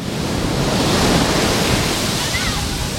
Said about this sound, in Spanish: Día de Poniente, mediodía de olas, de viento en la playa de Salobreña